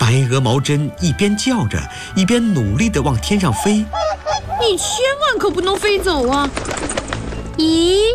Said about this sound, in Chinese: 白鹅毛针一边叫着一边努力地往天上飞。